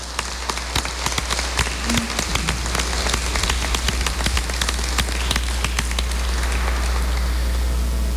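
An audience at a Mass applauding a quinceañera: many hands clapping in a dense, steady patter that holds evenly for about eight seconds over a low hum, with no voices.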